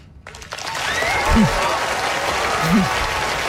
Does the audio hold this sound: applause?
yes